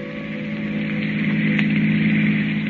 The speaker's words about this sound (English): The long black car with a handsome man at the wheel and the woman beside him returns to the highway and speeds on through the night.